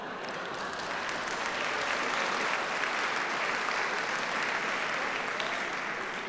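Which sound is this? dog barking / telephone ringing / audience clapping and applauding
audience clapping and applauding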